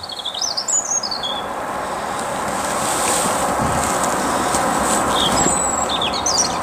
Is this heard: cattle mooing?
no